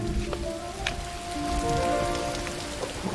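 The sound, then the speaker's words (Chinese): Steady rain patters on a hard surface, a dense hiss with a few sharper drops standing out, over a faint sustained tonal hum; no one speaks. “这最近天天下雨，你们那公司还忙吗？”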